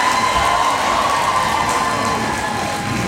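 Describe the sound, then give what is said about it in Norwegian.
A theatre audience, enthusiastic at the end of a play, cheers and applauds in a dense, steady wash of noise that holds at the same loud level throughout, with no single voice standing out. “Tilbake i teatersalen er stykket over, og publikum er begeistret.”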